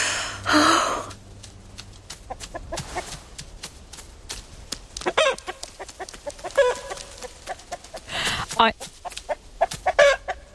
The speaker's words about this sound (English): I know it's very visual, but that was a chicken crossing the road in front of them.